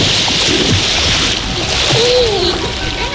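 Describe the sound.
Steady splashing water and soft lapping at the Entre Ríos river beach in Villanueva de la Serena in summer, a continuous wash of sound with faint, indistinct voices in the background.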